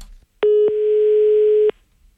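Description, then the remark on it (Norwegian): A steady telephone dial tone hums loudly for just over a second as someone calls back, opening and closing with sharp clicks and a brief click partway through, with no voices. “Oi, oi, her må vi ringe opp igjen.”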